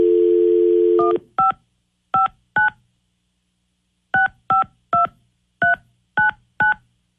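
A steady telephone dial tone gives way to a series of crisp keypad beeps as a call is placed on the 102.5 KDON radio show, three quick presses, a short pause, then seven more in a brisk uneven rhythm, clear with no talking.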